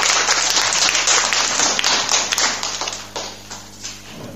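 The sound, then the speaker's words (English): A round of applause from a group at a school quiz for a primary 4 pupil's answer on addition of numbers: dense overlapping claps that hold steady for a few seconds before thinning out and fading into scattered claps. “A round of applause.”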